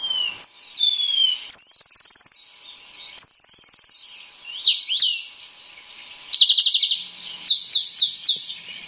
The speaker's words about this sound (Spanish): Este sonido que escuchamos es del pájaro moscón. Es un pájaro muy curioso porque tiene unas peculiaridades muy únicas.